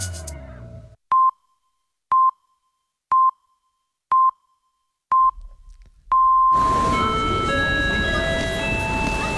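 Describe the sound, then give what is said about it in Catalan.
Five short electronic beeps at a steady one-second pace and a longer final tone, then a train station swells up loud: rumbling machinery with high metallic squeals, like a train pulling out. “És a punt de sortir el tren de la història. Para totes les estacions.”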